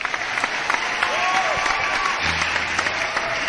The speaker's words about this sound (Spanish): Yo le digo que yo ponga aplauso de mentira, que parece que no ha gustado la tanda de cumple.